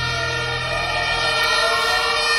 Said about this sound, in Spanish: Es el sonido de las sirenas de los bomberos llegando al aparatoso incendio que afecta desde las 11 de la mañana al hotel del complejo Vera Sevilla, los antiguos suelos de Altadis, en el barrio de Los Remedios, en la capital hispalense.